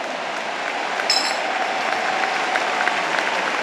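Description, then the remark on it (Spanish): Sustained applause from an audience for the Lord on an evening, a dense steady wash of many hands clapping at a fairly loud, even level throughout, with no voices standing out above it. “Levante su mano, demos un aplauso al Señor en esta hermosa noche.”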